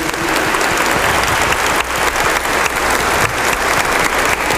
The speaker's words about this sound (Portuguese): Deus te abençoe, meu irmão. Parabéns, uma salva de palmas a ele.